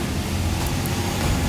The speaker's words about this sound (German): Lkw vorbei.